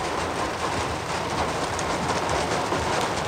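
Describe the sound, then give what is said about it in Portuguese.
Cars crawl slowly and carefully through city streets flooded by intense rain, with puddles on crosswalks and sidewalks; a steady, dense wash of tires hissing through water with rain noise underneath, continuous, with no voices. “Estas imagens mostram os carros a atravessar as estradas devagar, com cuidado.”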